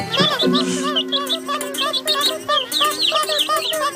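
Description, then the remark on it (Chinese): Baby birds chirp loudly and insistently, a dense, overlapping chorus of high, rapid peeps repeating without pause, over a low steady hum. “求你们不要叫了，你们听不懂中文吗？”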